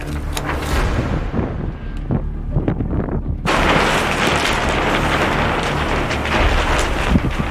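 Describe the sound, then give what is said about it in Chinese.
Loud, blustery wind at an archaeological dig site in March buffets the microphone outdoors, rumbling low and roaring across the whole range, then surging into a stronger, fuller gust partway through that keeps blowing steadily to the end. “三月的考古工地仍是阴晴不定，一阵大风吹过，天气说变就变。”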